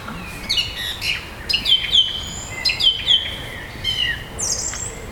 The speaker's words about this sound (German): Erinnert es irgendwen an die Amsel? Mhm. Genau, es ist nämlich eine Drossel. Ich finde auch von der Stimme her klingt das erstmal sehr ähnlich wie eine Amsel. Genau, und es ist, sie macht immer ein Motiv und wiederholt das dann bis zu 9 Mal